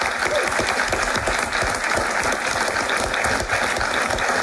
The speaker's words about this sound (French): On peut applaudir tout le monde.